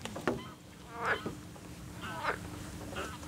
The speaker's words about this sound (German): Frösche im Hintergrund.